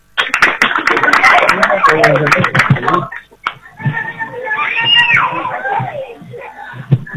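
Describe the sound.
A crowd in San Estanislao applauds loudly with dense, rapid clapping and shouts of cheering as the next intendente, Carlitos Verón, is introduced to speak, briefly dipping before more whooping, cheering voices and scattered claps carry on.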